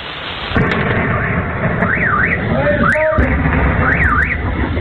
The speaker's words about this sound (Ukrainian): Пензенці масово розповідали у соцмережах про численні вибухи. Місцева влада стверджувала, то працювала ППО проти дронів.